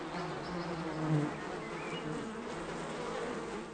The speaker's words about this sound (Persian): اما گذشتن از یک اردوی بزرگ زنبورها کار آسان نیست و بالاخره او با قدم زدن خود را به صندوق عسل می رساند و به نظر می رسد زنبورها به او هیچ توجه ندارند.